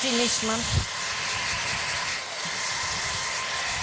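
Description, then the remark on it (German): A hair dryer blows warm air on a baby monkey, Fluiki, as a hairdresser washes and blow-dries it: a steady, loud, breathy whoosh that runs without a break, with a few brief high tonal chirps at the very start. “Fluiki jedenfalls genießt den warmen Wind.”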